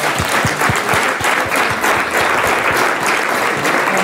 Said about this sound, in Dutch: Graag applaus voor onze weervrouw, Sabine Hagedoren.